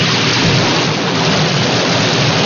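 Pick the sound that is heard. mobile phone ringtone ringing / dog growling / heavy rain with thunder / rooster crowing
heavy rain with thunder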